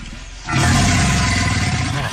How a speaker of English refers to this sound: This was face to face with an alligator. It sounds like a friggin' dinosaur.